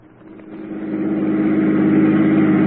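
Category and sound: vehicle, car engine accelerating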